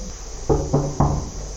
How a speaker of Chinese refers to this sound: 上门的时候，这个门当时敲了很久啊，然后他出来很惊讶啊